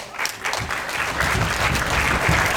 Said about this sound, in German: Aber erstmal soll dem Filmteam ganz viel Applaus geschenkt werden.